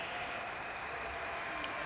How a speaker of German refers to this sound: Zurück im Wellenhaus des Bayerischen Rundfunks in Freimann und man hört immer noch den Applaus.